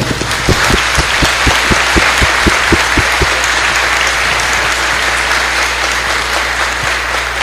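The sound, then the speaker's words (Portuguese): A church audience breaks into sustained applause to welcome the diocesan bishop, loud and steady, with a burst of sharp rhythmic claps in the first few seconds before settling into a dense, continuous wash of clapping. “Vamos acolher com as nossas palmas.”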